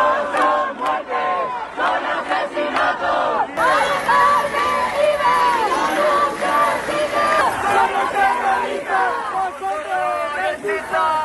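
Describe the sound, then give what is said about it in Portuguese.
A crowd of hundreds of protesters in front of the Congress of Deputies in Madrid shouts and chants together in loud, overlapping voices, a continuous roar of raised voices with rhythmic bursts of yelling, crying that Mari Carmen did not die but was murdered. “Os manifestantes gritaram que Mari Carmen não morreu, foi assassinada.”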